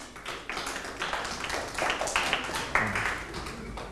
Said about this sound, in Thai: ตอบถูกปรบมือให้เพื่อนครับ